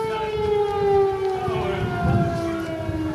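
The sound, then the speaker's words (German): A steady air raid siren wails in a harbour on a sustained tone with stacked harmonics, pitch sliding slightly downward, loud and continuous over a low rumbling background; the alarm sounded repeatedly throughout the day. “Und das ist eigentlich ein ganz gutes Stichwort, weil die Crew und wir diese Schutzräume am Donnerstag, als wir diese Patrouille begleiten sollten, im Grunde im Hafen ständig aufsuchen mussten, weil ständig Alarm herrschte.”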